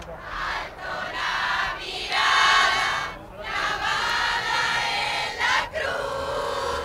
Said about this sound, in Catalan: Al davant, a la catedral de l'Almudena, hi ha una multitud de fidels que l'espera a l'arribada del papa Lleó XIV, on onegen banderes i canten himnes.